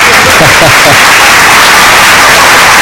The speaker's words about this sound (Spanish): ¡No aplaudáis, hostia! Aplauden que mejor a mí, ¿no? La tienes que aplaudirle siempre a él.